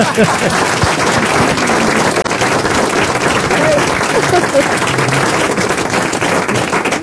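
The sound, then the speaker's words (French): Loud, sustained applause from a studio audience on the French radio show Les Grosses Têtes, a dense steady wash of many hands clapping for about seven seconds, with faint voices mixed underneath. “Je le prends pour moi, vos applaudissements.”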